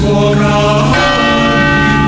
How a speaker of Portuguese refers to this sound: Escuto os sinos da catedral.